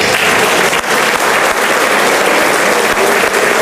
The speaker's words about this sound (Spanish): Quisiera que sí le regalen un fuerte aplauso a mi papá.